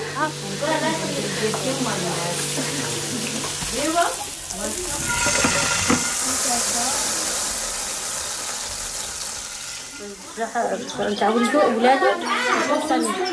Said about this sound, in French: passe derrière les fourneaux, les casseroles volent dans tous les sens. Tout le monde s'agite.